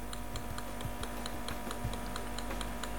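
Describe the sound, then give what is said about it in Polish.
Small, rapid mechanical ticks and clicks repeat in a fairly regular rhythm, fairly quiet, from a camera's autofocus motor searching for focus before scanning a document, over a steady low hum with no talking. “No i znowu małe pyka, tak. Tykanie, tak.”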